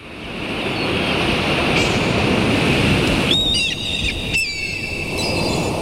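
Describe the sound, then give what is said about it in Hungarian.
Steady roar of sea waves washing onto a beach on a turquoise seashore with palm trees at sunset, continuous, with a few bright bird chirps breaking through the surf near the end. “Türkiszkék tengerpart, pálmafák, naplemente.”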